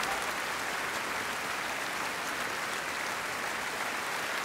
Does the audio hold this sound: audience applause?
yes